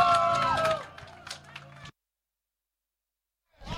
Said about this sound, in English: Let's give everyone a big round of applause while we queue up a different track. How good is this?